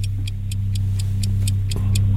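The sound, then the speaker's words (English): A quiz timer clock ticks steadily and quickly, about four crisp ticks per second, over a constant low hum, with no voices. “The clock starts now.”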